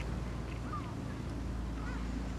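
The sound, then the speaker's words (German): A small motorboat's engine chugs steadily through a lagoon in the morning, shortly before low tide, a low continuous drone, with faint bird chirps and a breath of wind over the water. “morgens durch die Lagune tuckert, kurz bevor die Ebbe das Wasser schluckt.”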